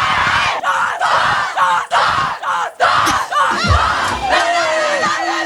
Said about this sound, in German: So, und jetzt wollen wir natürlich nur hören, wie der Jubel von den Wacker-Mädels geht. Also, 3, 2, 1. Auf unseren Cup-Sieg! Ein dreifaches! Ticke, zacke, ticke, zacke!